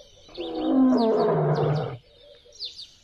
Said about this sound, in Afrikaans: Skielik hoor hy hoe 'n leeu hard brul.